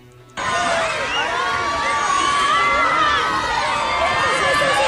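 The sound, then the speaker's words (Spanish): A sudden burst of crowd cheering erupts after a brief quiet start as Brad Pitt arrives on the red carpet at the San Sebastián International Film Festival, with many high-pitched screams and shouts layered into a loud, sustained roar that holds steady to the end. “Pues sí, ya lo están escuchando, Brad Pitt ha llegado, y no solo eso, ha revolucionado por completo la alfombra roja del Cinemaldi.”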